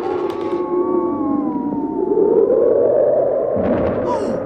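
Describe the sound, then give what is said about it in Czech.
A howling blizzard wind roars steadily, its moaning tones rising and falling over a loud, continuous rush of noise, with no voices. “Krýle, pane, to je fujavice. A krop je tu až po kolena. A vítr mi vzal čepici.”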